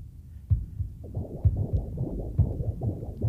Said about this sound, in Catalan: Però abans de les cançons de bressol, abans fins i tot de néixer, un ritme ens acompanya. És el batec del propi cor i el de la mare, a dins, junts. Fixa't com sonen.